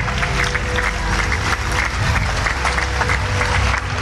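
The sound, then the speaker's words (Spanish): An audience applauds the Lord loudly and steadily, a dense wash of many hands clapping together that holds at an even level for the whole few seconds, with no clear voices above it. “Denle fuertes aplausos al Señor.”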